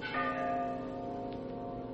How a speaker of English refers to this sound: you hear that? Bell. I think it comes from way down there in the gorge.